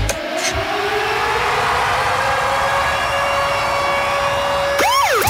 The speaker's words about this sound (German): Alarm gehört, dann läutet er an.